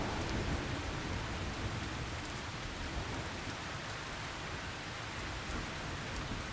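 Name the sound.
rain falling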